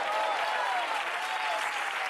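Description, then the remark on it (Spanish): A church audience applauds during a sermon to give glory to God. The applause is a steady, dense wash of many hands clapping at an even, fairly loud level throughout, with no clear pauses and no individual claps standing out. “De repente ese aplauso.”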